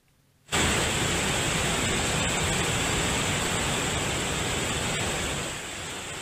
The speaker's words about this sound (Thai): ทั้งเสียงและสีแดงขุ่นยืนยันถึงปริมาณและความแรงของกระแสน้ำในน้ำตกคลองแก้วในเขตอุทยานแห่งชาติน้ำตกคลองแก้วอำเภอบ่อไร่จังหวัดตราดค่ะ